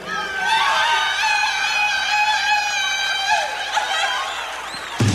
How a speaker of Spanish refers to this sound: Yo quisiera pedir a toda la gente que se echen un grito, pero bien perrón, así que se oiga hasta México. Para que todos los que quieran que salgan en el disco, ahí les va. Se echó un grito mexicano. A ver que sigue el grito mexicano, compadre.